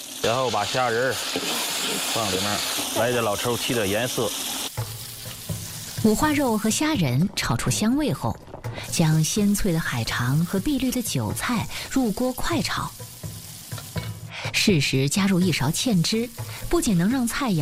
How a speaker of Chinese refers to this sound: 新式的做法，加入了新鲜的五花肉丁，新鲜的虾仁跟这个海肠的腥味完美的结合在一起。炒海参，必须要急火快炒，先加入花肉，味道炒出来。